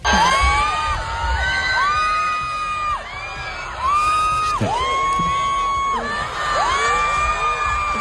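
A huge concert crowd at the Bernabéu stadium screams and cheers in sustained waves, many high voices rising and falling together, loud and continuous throughout with a dense roar underneath.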